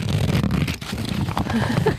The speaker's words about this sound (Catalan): Això sona paper, eh? Sí. És que és un mapa. Mm. És un mapa molt interessant, realment, aquí, com podeu veure. És un mapa artesanal, artesanal. Aquest està fet a mà.